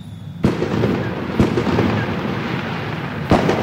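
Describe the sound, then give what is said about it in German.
Three sharp, booming firework bangs in the sky at uneven intervals, each bursting across the whole range, with a steady wash of crackling and rumbling in between. No one speaks. “Geklöpfe am Himmel mit ganz viel Feuerwerk.”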